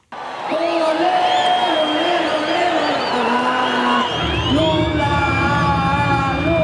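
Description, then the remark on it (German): A packed crowd of nearly 40,000 supporters of Brazilian President Luiz Inácio Lula da Silva cheering and whooping continuously at his campaign launch in the Vila Euclides stadium, with sustained loud, wavering tones rising over the roar and a deeper rumble joining in partway through. “Und es sind fast 40.000, die zum erneuten Wahlkampfauftakt des inzwischen 80 Jahre alten Luiz Inácio Lula da Silva gekommen sind.”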